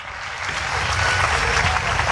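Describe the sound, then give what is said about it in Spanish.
A crowd claps steadily in a dense, continuous wash of applause that swells slightly and holds loud throughout, with no voices standing out. The applause follows a preacher's call for a loud round of applause to the one who lives, God. “Dele un fuerte aplauso a aquel que vive, y el que vive para siempre en tu vida, en esta preciosa tarde.”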